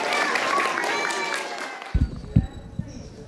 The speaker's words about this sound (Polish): Proszę jeszcze raz o ogromne brawa dla twórców.